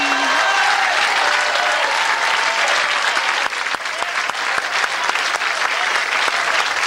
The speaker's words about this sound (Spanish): Y si va a gritar, grite gloria a Dios y exalte su presencia. Aplaude y exalte al Rey.